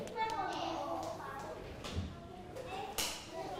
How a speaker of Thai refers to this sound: เด็กๆทุกคนเก่งมากปรบมือกับตัวเองปรบมือดังๆครั้งหนึ่งปรบมือ